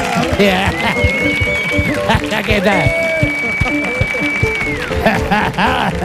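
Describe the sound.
An audience claps steadily throughout, a dense crackling wash of applause, while voices talk over it and a couple of long, steady high tones ring out above the noise.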